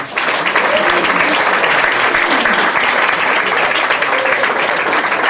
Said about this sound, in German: Und jemand, der es auch trotz Bombe zu uns geschafft hat und heute hier für die Musik sorgt und einen großen Applaus dafür verdient. Applaus für …!